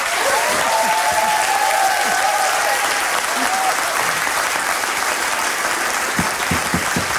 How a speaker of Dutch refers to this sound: Ik zou zeggen, laat de mensen voor jou klappen.